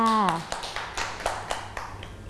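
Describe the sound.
A short voice at the start gives way to children clapping their hands for a classmate at the teacher's request, a loose, fairly steady series of claps at moderate volume with a faint low hum underneath.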